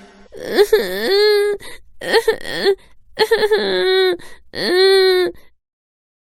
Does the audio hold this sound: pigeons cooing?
no